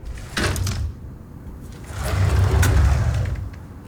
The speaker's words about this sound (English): Sorry, didn't catch that airplane noise.